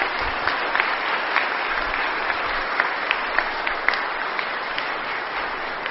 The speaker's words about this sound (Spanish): Felicidades y démosle un fuerte aplauso a todas las mamás.